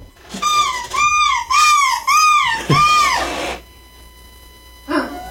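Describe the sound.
A 41-year-old woman from Oslo, Norway, this year's champion at the 6th annual European Seagull Shrieking Championship, imitates a seagull. She lets out five loud, high, wavering shrieks in quick succession, each arching up and down in pitch, followed by a pause and one short final cry.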